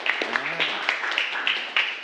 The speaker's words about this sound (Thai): ขอเสียงปรบมือให้กับกลุ่มที่4นะครับ